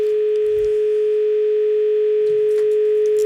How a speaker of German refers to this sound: Also klingelt meine... Das Telefon. Ah, das Telefon klingelt.